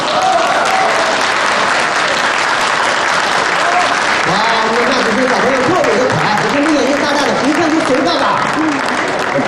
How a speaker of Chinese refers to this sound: 接下来我们就要进行一个非常重要的仪式，那就是抓周。下面让我们掌声有请